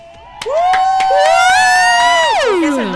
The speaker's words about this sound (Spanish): Es más, mira, te mereces aplauso con bulla.